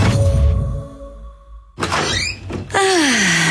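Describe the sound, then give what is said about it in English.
A door opens as someone arrives home, in an advert for Ulladulla Blinds and Home Improvements: a solid thunk and rattle of the latch, then a sliding, creaking sweep as it swings, following a fading sustained tone with no voices. “That's the feeling we all want when we open the door and arrive home.”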